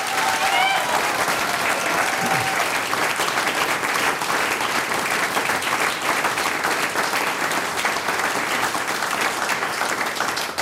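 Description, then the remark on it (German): Sustained audience applause for a musician who has just played two pieces, broadcast live on radio, fills the space, a dense wash of many hands clapping steadily and loudly throughout, with faint crowd murmur and a brief cheer near the start. “Noch einmal einen riesen Applaus”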